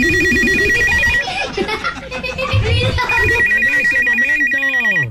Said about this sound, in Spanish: Hasta el teléfono estaba bien jodido. Mejor efecto no me pudiste poner.